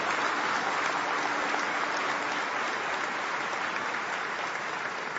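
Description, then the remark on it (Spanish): An audience breaks into steady applause for the Lord, a dense, even wash of many hands clapping that holds at a constant level for several seconds with no one speaking over it. “Alguien que le dé un aplauso al Señor por eso.”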